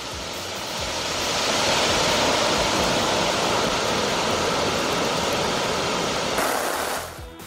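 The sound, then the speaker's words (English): A steady, powerful roar of rushing water from Jog Falls on the Sharavati River in Shivamoga, Karnataka, India, in full monsoon flow, loud and continuous with no voices before it fades near the end. “Sharavati River, tourists flock to witness the beauty of Jog Falls as monsoon revival brings the waterfall to life in Karnataka's Shivamoga.”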